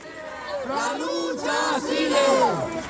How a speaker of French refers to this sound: Voilà, vous l'entendez, il crie « La lutte continue », tous promettent à Marie-Carmen de poursuivre le combat comme elle le leur avait demandé depuis son lit d'hôpital.